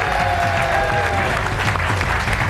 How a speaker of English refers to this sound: It's her birthday today, so make sure you applaud, even if she doesn't make any sense.